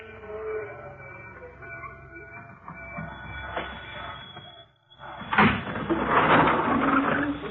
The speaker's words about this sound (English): The train's slowing down.